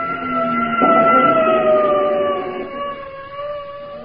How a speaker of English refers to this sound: And then it was gone, an ambulance, going right past me.